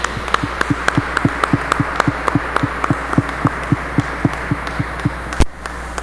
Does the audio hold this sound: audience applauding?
yes